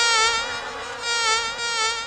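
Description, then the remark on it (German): A mosquito's thin, high-pitched whine drones continuously, its pitch wavering slightly as it swells and fades over two seconds, with no voices. “So Mücken.”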